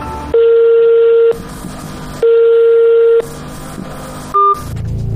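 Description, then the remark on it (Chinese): A phone line rings out unanswered on a call from a mobile phone to the service hotline of a learning-device maker in Dongguan, Guangdong: two long, steady ringback tones about a second each, separated by pauses, followed by a short higher beep, with faint background noise between. “记者也用自己的手机拨打了这一服务热线，电话拨通了却无人接听。”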